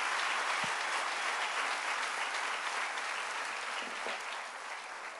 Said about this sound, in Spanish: Aleluya, denle un aplauso al rey. Entonces el ángel de la muerte, no, denle un aplauso fuerte al rey.